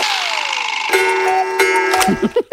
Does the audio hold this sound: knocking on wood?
no